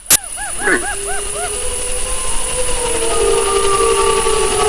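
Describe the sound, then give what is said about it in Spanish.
A pack of wolves, heard from far off, howls in chorus: a burst of short, arching yips and wavering calls gives way to long, sustained overlapping howls, preceded by a sharp click at the very start. “Yo creo que estos son lobos adultos los que hacen estos aullidos.”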